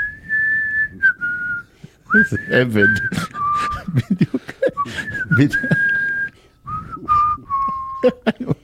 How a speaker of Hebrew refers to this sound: בטח לא הלכת ברחוב ושרקת להנאתך בחיים, נכון? באמת, אני שרקן של החיים. אני שורק גם שירים שאני לא מכיר. שרוק רגע איזה משהו.